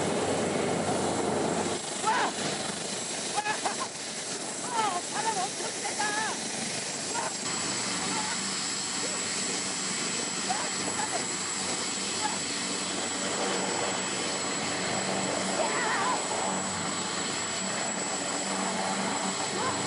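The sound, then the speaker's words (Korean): A helicopter's steady, dense rotor roar and engine whine, heard from aboard the helicopter in flight, fill the whole recording, loud and continuous, with occasional faint voices buried beneath the noise. “내가 탄 헬리콥터야!”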